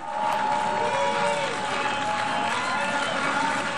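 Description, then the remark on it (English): Delegates in the UN General Assembly hall in New York boo and jeer Benjamin Netanyahu loudly and continuously as he speaks and dozens walk out, a dense roar of many voices with a few sustained, drawn-out cries standing out near the start. “Benjamin Netanyahu was booed while speaking at the UN General Assembly as dozens of delegates walked out mid-speech.”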